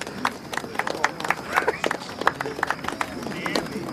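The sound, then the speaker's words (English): A crowd at a contest, including the Munsters, claps for the announced winners, the Monster Family, in steady, overlapping bursts of sharp hand slaps, with a low murmur of voices underneath and no single clap standing out. “The Munsters applaud and crane their heads round to spot the winners, unaware it's them.”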